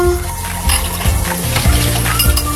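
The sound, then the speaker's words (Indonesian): Dishes being washed under steady running water, with a continuous hiss of the flow and occasional light clinks of plates and utensils, fairly loud throughout. “cuci piring dulu.”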